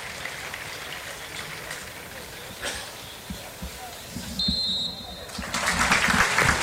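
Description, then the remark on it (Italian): A large football stadium crowd at the Venezia–Lazio match claps in tribute to Sandro Mazzola in a steady, crackling wash that swells louder toward the end, with a short, sharp whistle blast from referee Sozza cutting through midway. “Il fischio di sozza, lo stadio che si scioglie in un applauso nel ricordo di Sandro Mazzola per una partita, quella tra Venezia e Lazio,”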